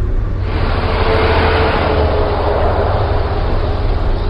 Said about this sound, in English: Driving through Houston is a reminder that the car is still king. Six lanes are blocked with cars. Stacked overpasses dangle above.